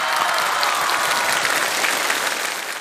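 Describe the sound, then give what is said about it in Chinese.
Sustained applause from a sizable crowd, dense and steady clapping throughout, fairly loud, easing off slightly at the very end. No voices stand out. “此处有掌声。”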